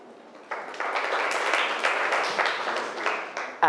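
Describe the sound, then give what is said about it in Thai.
Students in a math lesson break into a burst of applause for a classmate who correctly factored an expression, many hands clapping in a dense, steady patter that starts suddenly and continues for about three seconds. “แยกตัวประกอบนี้ถูกต้องนะครับปรบมือเพื่อนหน่อยครับ”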